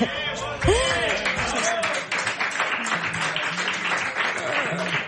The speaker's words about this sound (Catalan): A veure, no ho heu sentit perquè hem aplaudit perquè estàvem molt contents